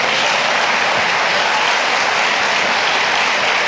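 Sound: audience applause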